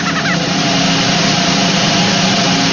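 A sustained, loud drum roll fills the whole stretch, a dense rapid rumble of continuous strokes at steady volume with no pauses and no one talking.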